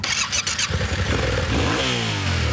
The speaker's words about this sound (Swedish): Här har vi en motorcykel, den 700 kubik. Den har packboxar för att vi ska få med oss grejer.